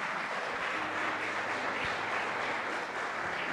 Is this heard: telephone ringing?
no